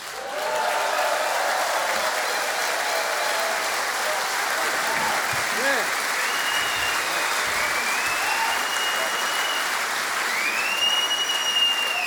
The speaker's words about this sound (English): Thank you. Thank you. It's great. You know, the longer you applaud, the more I can breathe, you know.